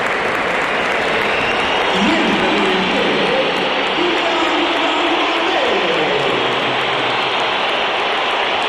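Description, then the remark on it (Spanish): A dense stadium crowd at a Real Madrid match roars continuously, with scattered applause and heavy whistling for Kylian Mbappé as he comes onto the pitch, blended into a loud, steady wash of noise, plus a low sustained jeer rising and falling midway. “Pues sí, se la llevó Kylian Mbappé, aunque hay algunos aplausos en alguna de las zonas más cercanas a donde nos encontramos nosotros en la cabina de Radio Nacional. Pero más pitos.”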